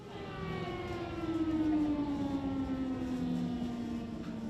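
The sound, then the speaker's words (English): An air raid siren in Ukraine wails steadily, its long tone slowly sliding downward in pitch over a few seconds, with no voices over it. “So we just heard an air alarm, which means that all the babies are being taken to the basement for safety.”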